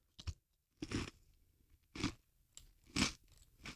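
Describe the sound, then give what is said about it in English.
Loud crunching as someone bites and chews crisp cereal, with about four sharp crunches spaced roughly a second apart and quiet gaps between them. “I'm loving the crunch right now.”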